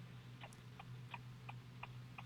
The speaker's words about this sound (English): Yeah, yeah, I hear the blinker going. I want you to focus. Sorry, I'll turn it off. It was hazards. No, I don't care. I thought it was our clock. What do you have a hazard on for? No, it's off.